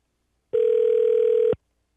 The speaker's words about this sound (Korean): 지금 실시간으로 전화 드리고 있는데요. 혹시 쌍둥이들을 재우고 계신 건 아닌지, 아이들을 보시느라 바쁘신 건 아닌지.